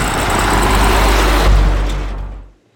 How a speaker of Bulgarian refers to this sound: Трафика продължава да върви по този път.